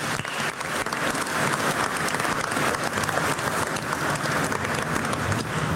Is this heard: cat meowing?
no